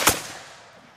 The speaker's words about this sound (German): Das Pulver, das schüttest du von oben in den Lauf und dann spannst du die Muskete und dann gibt's ein Kommando, anlegen, schießen und dann feuerst du diese Muskete ab. And fire.